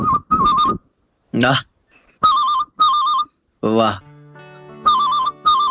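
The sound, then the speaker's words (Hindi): A performer on a program imitates an old telephone bell with his mouth, producing trilling, warbling rings in paired bursts, ring-ring, repeated three times, loud. Brief exclamations from another voice break in between the rings. “तो सर मैं सबसे पहले, अब मोबाइल की दुनिया है तो मैं पुराने समय को याद करता हुआ एक टेलीफोन की बेल सुनाना चाहूंगा सर।”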